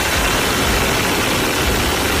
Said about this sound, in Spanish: El sonido de la tromba de agua que ha caído en el sur de la provincia, hasta 200 litros por metro cuadrado.